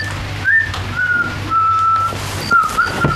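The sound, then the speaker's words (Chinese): Someone whistles a short tune, a string of clear sustained notes stepping between pitches, over a low steady hum with no talking. “没听我吹口哨呢？”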